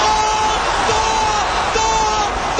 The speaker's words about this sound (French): Vous entendez les hurlements du stade. Le stade Azteca a peut-être assisté à l'une des plus belles finales de Coupe du Monde.